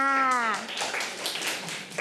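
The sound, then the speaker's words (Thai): A brief high-pitched voice call opens, then a group of children breaks into dense, irregular clapping for themselves, many small hands patting together for a second or so. “เด็กๆปรบมือให้ตัวเองค่ะ”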